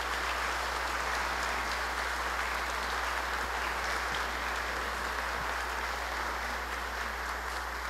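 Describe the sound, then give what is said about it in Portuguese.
An audience applauds for new couples, a dense, steady wash of clapping that holds an even loudness for about eight seconds with no voices over it. “Uma salva de palmas aos novos casais.”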